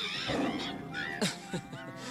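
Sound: tiger roar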